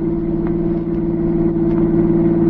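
A car engine hums with a steady, low, droning tone that holds even in loudness for a couple of seconds, with no voices over it.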